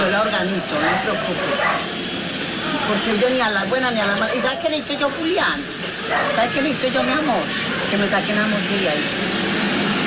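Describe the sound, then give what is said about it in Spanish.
Dogs bark amid a chaotic jumble of shouting and overlapping voices, with a steady hiss of background noise running throughout the busy, crowded scene. “Le resumo para que no escuchen un montón de vainas y gritos y perros.”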